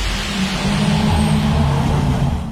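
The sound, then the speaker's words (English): A ute's engine rumbles steadily, a deep low drone with a slight rise in revs as the vehicle pulls up and idles, with no voices over it. “Nice truck you got. Truck? Mate, that's a Ute.”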